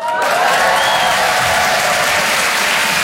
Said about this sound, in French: Ouais, honnêtement, c'était facile. Les gens applaudissent, c'était facile.